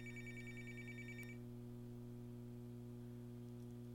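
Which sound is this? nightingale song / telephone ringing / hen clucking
telephone ringing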